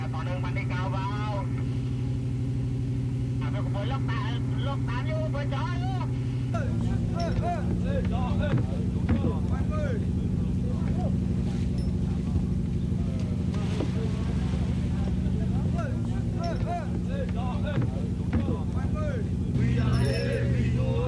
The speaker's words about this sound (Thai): เรือเกียรติเจริญชัย25ออกจับปลาในหน้าน้ำอันดามัน